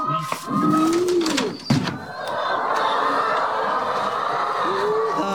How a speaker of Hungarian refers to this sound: Nézzük meg a tyúkokat.